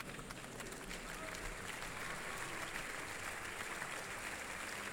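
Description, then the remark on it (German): Sustained audience applause at an opera performance, given to the evening's conductor, Maxime Pascal, as he makes his way to the podium in the orchestra pit and has the orchestra stand once more. A dense, steady wash of many hands clapping at an even level throughout, with no voices standing out. “Ja, und dieser Applaus gilt nun wieder dem Dirigenten des heutigen Abends, Maxime Pascal, der hier seinen Weg zu seinem Platz im Pult hier im Orchestergraben findet.”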